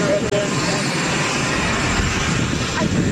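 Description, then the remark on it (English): A loud, steady roar of a jet aircraft engine at Joint Base Andrews as President Trump boards the plane, continuous and unbroken throughout, with indistinct voices faintly mixed under the noise. “So you can see him there boarding the plane”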